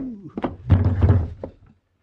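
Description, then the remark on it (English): A rifle butt strikes someone's head with a dull, heavy thunk amid a short scuffle of low thumps, ending in one lighter knock. No one speaks. “You sure must have got yourself a good whack on the head. Hey, hit me with a rifle butt.”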